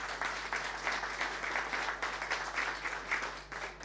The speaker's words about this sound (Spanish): y para ello un fuerte aplauso también.